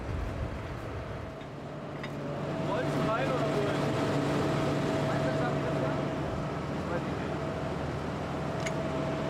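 The engine of a heavy tractor that is stuck fast drones and strains, building in loudness after a couple of seconds and then holding a steady, throbbing low roar with a constant tonal hum.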